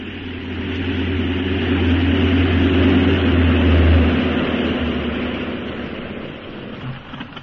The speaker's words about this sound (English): I better get back into your seat. We're landing.